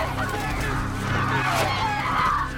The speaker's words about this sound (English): They look around in horrified realization and the birds start to dive at them. They sprint back towards the beach with more and more birds joining the flock, swooping at their heads.